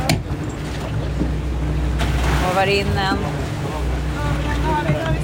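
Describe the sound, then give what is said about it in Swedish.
Steady wash of sea waves around a small boat, with wind buffeting the microphone and a low rumble underneath, while a person speaks briefly over it. “Det är två gula bollar som åker runt i vågorna.”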